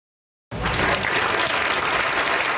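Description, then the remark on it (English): A crowd of hundreds around a stage bursts into sustained applause after a brief silence as Premier Danielle Smith arrives at the Oil Sands Expo in Fort McMurray, Alberta; a dense, steady wash of clapping that stays loud and even throughout, with no voices standing out. “Hundreds of people crowd around a stage as Premier Daniel Smith arrives at the Oil Sands Expo in Fort McMurray.”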